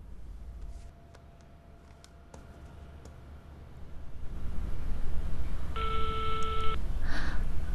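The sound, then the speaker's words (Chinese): Telephone dialing to place a call: a few short key beeps and clicks, then a steady electronic ringing tone lasting about a second, over a low background hum that grows louder. No one speaks. “那么我好过家敲一个电话。”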